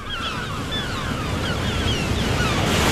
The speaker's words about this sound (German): Und jetzt wollen wir schweigen und lauschen auf das Meer, das seine Wellen über den Sand rollt.